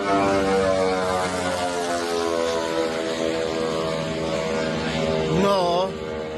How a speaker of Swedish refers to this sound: Ett videoklipp på sociala medier visar en ukrainsk drönare som slår ner med ett eldklot i ett handelsfartyg. Filmen är tagen från ett annat fartyg med en lika förvånad som förskräckt besättning.